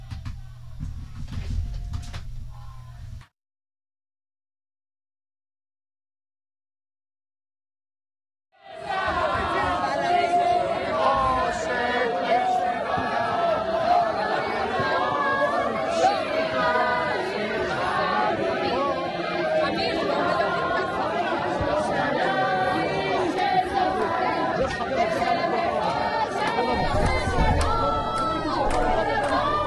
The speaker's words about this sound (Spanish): Bueno, lo escuchan ahí de fondo, la gente gritando.